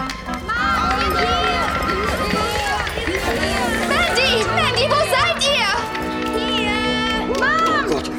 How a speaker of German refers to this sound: Jetzt aber los, Kinder. Ihr macht jetzt so viel Lärm, wie ihr nur könnt.